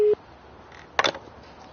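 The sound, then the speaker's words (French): A single short telephone ringing tone from a call to a demographer living in the United States, loud and steady, cuts off abruptly; after a pause comes a brief muffled burst like a voice over the line. “J'ai appelé au téléphone le démographe”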